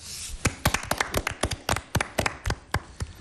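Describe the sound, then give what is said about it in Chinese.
Audience applause welcoming guests and journalists at a press conference in Wuzhong, Ningxia, China, for the 2026 Ningxia Football Super League: fairly sparse, sharp hand claps, a steady irregular patter of distinct claps lasting about three seconds, moderately loud, with no talking over it. “让我们用热烈的掌声对各位嘉宾和记者朋友的到来表示欢迎。”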